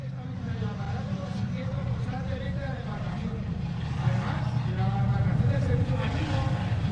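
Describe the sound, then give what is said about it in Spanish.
Speedboat engines roar steadily and loudly throughout an action demonstration, a continuous low droning rumble that swells slightly toward the end, with indistinct voices faintly mixed beneath the noise. “Creo que ahora van a realizar esos disparos para intentar neutralizar los motores, a ver si podemos verlo.”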